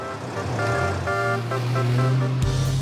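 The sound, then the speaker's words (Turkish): A Syrena car drives along, taking passengers on a short ride to dinner, its engine droning steadily at a low pitch while a few brief tonal notes sound over it. The engine note shifts abruptly just before the end. “Sirena kült bir arabadır”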